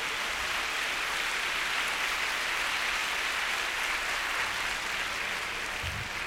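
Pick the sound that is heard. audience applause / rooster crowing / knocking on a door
audience applause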